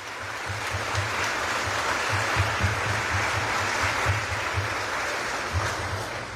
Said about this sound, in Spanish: Viva Cristo resucitado. Fuerte ese aplauso a Cristo resucitado.